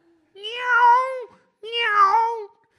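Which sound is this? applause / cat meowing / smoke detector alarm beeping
cat meowing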